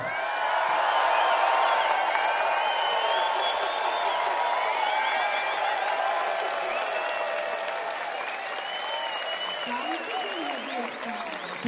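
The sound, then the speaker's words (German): A large audience claps steadily and loudly throughout as a singer is introduced, with scattered cheers and whoops rising above the applause, which tapers off slightly toward the end. “Ich sage jetzt ihren Namen, dann klatschen wir ein paar.”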